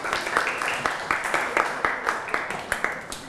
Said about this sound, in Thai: เก่งมากๆเลยขอเสียงปรบมือให้กลุ่มที่2และกลุ่มที่3อีกครั้งนึงครับ